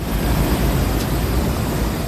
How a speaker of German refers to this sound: So klingt sie, die Abkühlung. Eine Sprinkleranlage sprüht feine Wassertropfen auf alle, die vorbeikommen. Kurtyna Wodna heißt das in Polen, wörtlich Wasservorhang. Sie sind an beliebten Plätzen und in Fußgängerzonen zu finden.